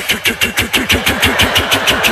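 A mechanical drone buzzing effect: a loud, steady motor hum with a fast, regular chugging pulse and a hissy upper edge, running alone without any voices.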